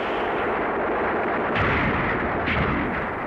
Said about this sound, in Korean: 바로 이 생사를 결단하는 위급한 대목에 놈들의 배후에서 갑자기 총소리가 터졌다.